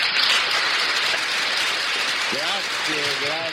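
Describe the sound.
A crowd claps steadily in a dense, even wash of applause that holds at constant loudness throughout, with a voice briefly speaking over it near the end.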